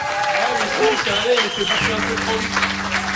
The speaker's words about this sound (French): Vous pouvez encore les applaudir très fort.